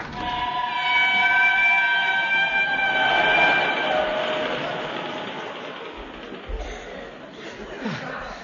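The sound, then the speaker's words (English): On the Yorkshire moors in the pitch dark, a train whistle sounds a steady, multi-toned blast for a few seconds over the rumbling rush of a train, and the broad noise carries on and slowly eases as the train draws away. “I was just about to run after the train when I felt a hand on my arm.”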